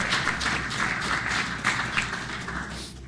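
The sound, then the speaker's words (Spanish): Steady, dense clapping from a crowd, many hands blending into a continuous crackling wash that stays loud throughout with a few sharper bursts, and no one speaking. “Si le va a aplaudir, apláudale fuerte.”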